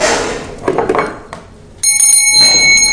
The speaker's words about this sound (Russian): Колокольчик.